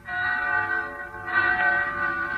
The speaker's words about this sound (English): So one night I'm in town in Pensy. Bells. I hear bells. What? And then it catches at my throat. It's New Year.